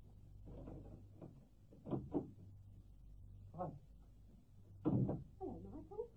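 A door being opened, with a few wooden clunks and rattles spaced over several seconds against a low steady hum, followed by faint murmuring at the end.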